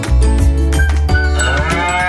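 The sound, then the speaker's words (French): A cow moos in a long, low, droning call with a steady harmonic tone, loud and sustained throughout, with no one speaking. “De 10h à 18h, profitez des visites guidées, découvrez les animaux, les races de vaches locales et les céréales de la ferme”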